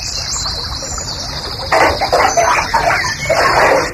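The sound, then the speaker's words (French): Water gurgling as a bathtub drains, in a steady, splashy stream that swells louder about halfway through, with faint bird chirps in the background and no voices. “Ah, tu vides ta baignoire là ?”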